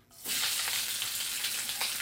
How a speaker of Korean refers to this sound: 무슨 소리인지 아셨죠? 지글지글지글지글. 맛있는 소리. 조금 있으면 추석날 많이 듣게 될 바로 이 소리. 동태전, 녹두전, 산적꼬치, 동그랑땡 부치는 소리 아니겠습니까?